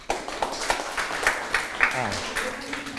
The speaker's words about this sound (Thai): ถูกต้องครับปรบมือให้เพื่อน